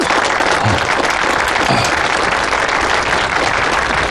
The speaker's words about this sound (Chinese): 那接下来也让我们一同有请新郎的家长上台，为二位新人送上祝福。朋友们，掌声有请。